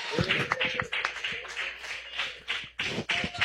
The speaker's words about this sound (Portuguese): Mais forte as palmas para Jesus, mais forte as palmas para o Senhor.